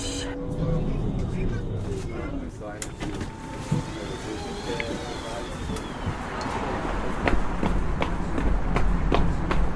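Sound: running footsteps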